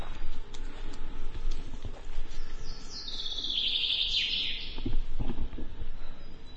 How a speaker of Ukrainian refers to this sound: Мы зараз почули звук дрона, він тут десь над нами. Наче полетів.